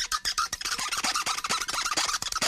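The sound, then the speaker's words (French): A plastic straw squeaks and scrapes as it's pumped up and down in the lid of an insulated tumbler (not a Stanley brand), a rapid, steady run of many short, bright, rubbery strokes with no one talking. “Le bruit qui fait ça. C'est la paille.”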